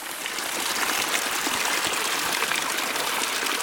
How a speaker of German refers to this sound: Ein auf- und abschwellendes Konzert von Zikaden begleitet uns den Flusslauf hinauf bis zur Quelle, die sich in einem kleinen langgezogenen Wasserfall aus einem Felsmassiv ergießt.